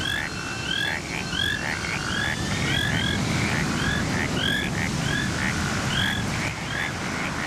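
A chorus of frogs croaks steadily and overlapping, with repeated rising chirpy calls over a dense low rumbling background, fairly loud and continuous with no voices.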